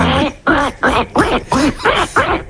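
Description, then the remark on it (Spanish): A person imitates a duck, letting out about seven quick, nasal quacks in a steady rhythm, fairly loud, with no other talking. “Bueno, pues hacemos el pato.”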